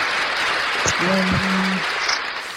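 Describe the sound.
Steady, dense applause from an audience, a continuous wash of clapping throughout, with a brief voiced call or cheer rising over it in the middle.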